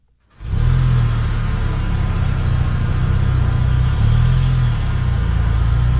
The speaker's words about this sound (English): With the sound of drivers just as hungry as you. I mean, we have all been there. Our vehicles idling in line.